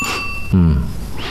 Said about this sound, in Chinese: 这么晚了还有电话？ 我一直还以为这是个摆设。